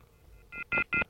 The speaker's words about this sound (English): Okay. Always nice to hear that wonderful dial tone.